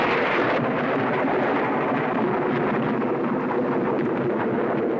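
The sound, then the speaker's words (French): Thunder rolls in a loud, continuous rumble with a rough, crackling texture, filling the whole moment without pause and no voices over it. “Ouais, c'est au tonnerre que je pensais, t'as gagné.”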